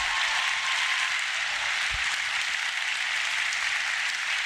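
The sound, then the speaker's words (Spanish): A crowd applauds steadily, a dense, even wash of many hands clapping at once, holding the same loud level throughout with no individual claps standing out and no talking. “Dale un aplauso a eso, está poderoso.”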